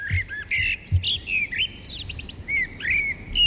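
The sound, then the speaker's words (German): Several birds chirp and warble continuously in spring, their bright, rapid calls overlapping, with a soft low rumble underneath and no voices. “Ja, sobald die Vögel zwitschern, wissen wir, der Frühling kommt.”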